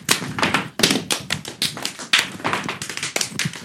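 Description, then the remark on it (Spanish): Rapid, sharp foot taps of classic zapateo dancing in the Kim Bafá dance show strike in quick, irregular bursts, loud and percussive, with heavier heel stamps mixed among lighter clicks and no voices over them. “Es el zapateo clásico.”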